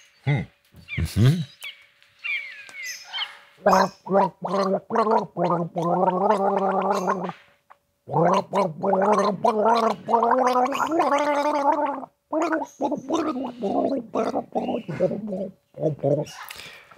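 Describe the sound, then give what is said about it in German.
A person gargles an old song for listeners to guess on the Radio Wien game show, the gurgling voice rising and falling in sustained tuneful phrases with short breaks between them, loud and bubbly throughout. “Indem du jetzt brav gurgelst und alle dürfen mitraten, welches Lied es denn ist.”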